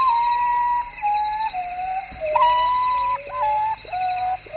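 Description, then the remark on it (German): A potoo (urutau, the 'day sleeper') gives its mournful whistled call: a series of clear, descending notes, some stepping downward and overlapping, repeating steadily over a constant background hiss. “So ein Vogel der Woche. Der Uratau. Der Tagschläfer.”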